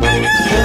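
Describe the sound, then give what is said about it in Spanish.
A brief, loud rooster crow, a single sustained harmonic cry lasting under a second, clear with no voices. “Antes de que el gallo cante”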